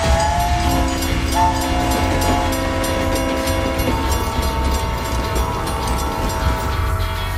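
The Transcontinental train rumbles steadily and loudly while its horn sounds a sustained, multi-tone blast for a few seconds, then fades back under the ongoing rolling clatter of the cars.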